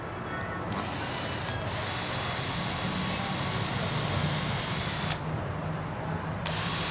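A power drill with a wood drill bit runs steadily, boring a pilot hole into wood with a continuous grinding whir that shifts briefly in tone a few times, with no talking over it.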